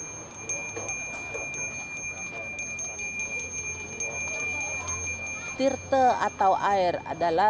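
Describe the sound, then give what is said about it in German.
A small hand bell rung by a priest during a religious celebration rings steadily and continuously, its bright tone sustained throughout, with a murmur of voices beneath and louder chant-like singing joining near the end. “Mit dem Läuten des Glöckchens stellt der Priester die Verbindung zum Überirdischen her.”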